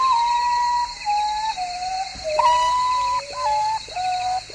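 An urutau (potoo)'s mournful whistling call: long, pure whistled notes that step down in pitch one after another, repeating in a falling series over a steady background hiss.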